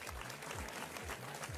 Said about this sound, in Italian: Facciamo un applauso